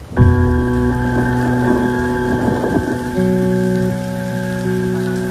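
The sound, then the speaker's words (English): Steady cold rain pours down in a continuous hiss, while sustained musical tones drone underneath and shift partway through, with no voices. The rain is falling at Newcastle County Courthouse in Delaware on February 11th, 2013. “It was cold and raining”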